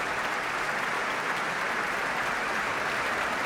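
A large audience in the main hall of the Concertgebouw applauds conductor Tiani Lou and composer Imam Habibi after a Radio Philharmonisch Orkest performance, a dense, even wash of clapping that holds at a constant loudness throughout with no voices breaking through.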